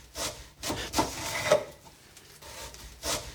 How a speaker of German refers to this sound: Dann schnipple ich das Brot in ganz dünne Scheiben. Ich muss nur aufpassen, dass ich mich nicht schneide.